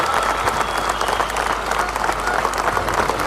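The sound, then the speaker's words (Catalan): Thunderous applause from thousands of people in Madrid, Spain, as protesting miners march into the city at night, a dense, continuous roar of clapping that stays steady and loud throughout, with no pauses or individual voices standing out. “La nit del 10 de juliol, els miners entraven a Madrid entre aplaudiments de milers de persones.”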